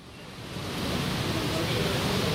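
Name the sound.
heavy rain falling outdoors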